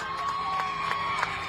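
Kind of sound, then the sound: crowd, crowd cheering and celebrating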